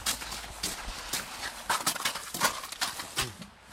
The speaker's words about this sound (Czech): Vodu, vyndáváme tolik misek. A to nejsou misečky, to jsou opravdu mísy.